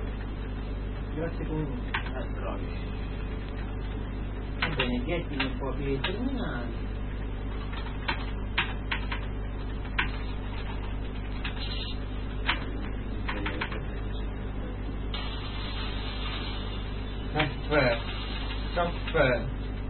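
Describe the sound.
Irregular bursts of clicky keystrokes on a computer keyboard, tapping in quick runs with short pauses, over a steady low hum, with a voice talking at times.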